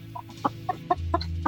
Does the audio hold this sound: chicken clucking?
yes